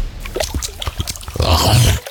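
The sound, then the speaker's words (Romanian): Alligators splashing in water: a run of irregular, choppy splashes and sloshes that build into a heavier, rumbling surge of churning water before cutting off abruptly. “Plescăie aligatorii.”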